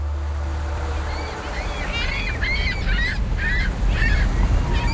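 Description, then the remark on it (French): Gulls cry out in a run of sharp, repeated calls at a harbour quay over a steady low rumble of water and wind, the calls starting after a quiet moment and growing busier toward the end. “Ah, il y a quelques goélands.”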